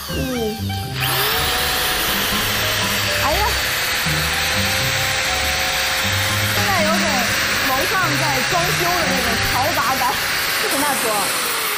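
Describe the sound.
An electric drill whirs into a radish being carved into a hollow ball, with a steady, loud, hissing buzz that starts after a second and runs on continuously while voices talk over it.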